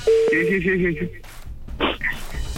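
A phone call being dialed: a short run of steady electronic beeping tones for about a second, followed by quiet rustling and a brief burst of noise over a murky background.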